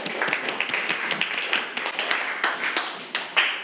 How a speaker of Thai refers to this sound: ปรบมือให้เพื่อนหน่อยนะครับ